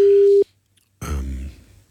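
A steady ringback tone from an outgoing call to a woman's mobile phone sounds once for under half a second, followed by silence, then a burst of muffled low rumbling noise.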